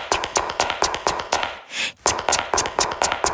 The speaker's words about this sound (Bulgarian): Номер 2. Искаш да възстановиш баланса от звуците на чаткане по коридорите във вашия офис. Така. До сега се чуват само токчетата на жните.